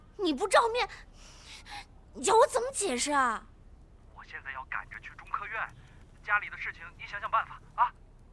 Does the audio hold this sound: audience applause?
no